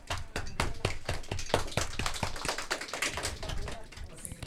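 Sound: audience applause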